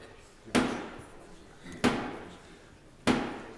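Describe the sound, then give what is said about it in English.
Three heavy, evenly spaced blows of a ceremonial rod against the wooden door of Parliament before the King's speech in the House of Lords, each a loud booming knock with a short echoing decay, about a second and a quarter apart, with no talking. “speech in the House of Lords, bangs his rod on the door of Parliament.”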